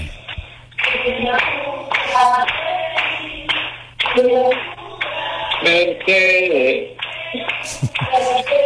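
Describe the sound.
A steady round of clapping runs under several voices calling out and cheering, with bright whoops rising above the applause before it fades.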